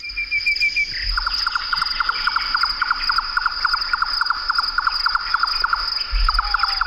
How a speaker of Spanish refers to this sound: Aquí está el chotacabra, uno de esos pájaros que puedes pisar, bueno, pues no te das cuenta que lo vas a pisar hasta que sale volando, porque se posa en el suelo con un camuflaje perfecto.